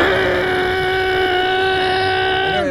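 high-displacement motorcycle engine revving

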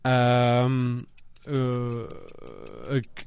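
ticking countdown clock timer

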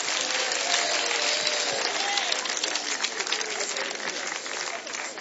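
audience applauding

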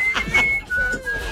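person whistling

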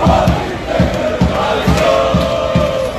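football fans cheering

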